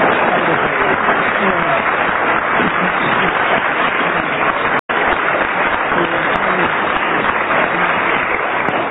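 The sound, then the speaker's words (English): A studio audience claps loudly and steadily for about nine seconds to judge whether two panelists gave a rational explanation, a dense, unbroken wash of applause interrupted only by a split-second dropout midway. “Will you decide by your applause whether you think that they gave a rational explanation for what they were alleged to have done?”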